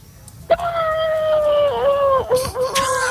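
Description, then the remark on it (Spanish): A voice imitates a horse neigh with one long, high, wavering cry that holds for about three seconds and dips in pitch near the end. It comes out closer to a howl. “Bueno, el caballo un poco regular, ¿no? Regular, el caballo sale regular, amigo.”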